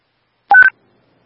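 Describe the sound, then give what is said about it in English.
A quick pair of electronic dispatch radio paging tones, a lower beep stepping up to a higher one, loud and clipped over a fraction of a second with silence around them, paging for a traffic incident, an iPhone crash notification on Highway 67 South at Marco Drive. “This is Remedic 213, paging for a traffic incident.”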